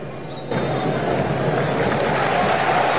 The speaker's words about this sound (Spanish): Seguido por los aplausos de todo el público, de los propios jugadores y de cada uno de los representantes de estas selecciones.